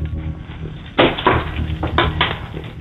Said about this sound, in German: Und das beweist du uns einmal bitte, indem du dir einen Schlüssel schnappst und den so klimperst. Okay, ich gehe jetzt vom Wohnzimmer in den Eingangsbereich. Ich mache jetzt die Schublade auf, wo die Schlüssel drin sind und...